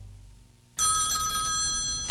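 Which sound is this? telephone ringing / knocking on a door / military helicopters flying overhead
telephone ringing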